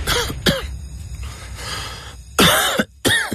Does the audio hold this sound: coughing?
yes